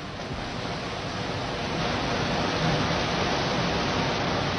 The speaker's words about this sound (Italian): Non so se vi giunge questo rumore. Arriva perfettamente. Ecco, questo non è un fiume, è la via Cerretani, è la via Panzani. è il cuore di Firenze, invaso dall'acqua.